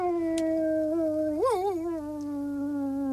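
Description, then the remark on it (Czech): A dog sitting by a gamekeeper's lodge howls at the moon in one long, sustained note, fairly loud, its pitch swelling upward briefly midway before settling back into a steady, mournful tone. “seděl pes Rek, hlavu vzhůru a představte si, nebojácně vyl přímo na měsíc”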